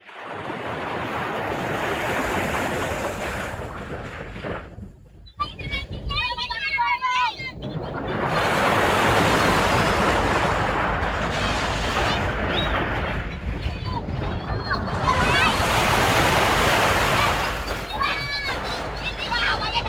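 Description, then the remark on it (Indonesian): Ocean waves roll onto a beach in three loud, broad swells that surge and hiss, with a brief lull in between where some faint high chirping comes through. “Merasa terhibur, nalalu Mone Ari membawa perahu itu bermain di tepi pantai yang tidak jauh dari rumahnya.”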